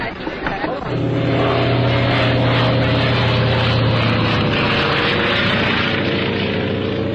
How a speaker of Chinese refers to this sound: 一架飞机在撒传单，这是邱清泉为庆祝所谓的徐东大捷做宣传，黄伯韬却不以为然。